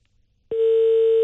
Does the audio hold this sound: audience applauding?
no